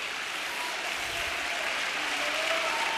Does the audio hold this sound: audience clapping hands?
yes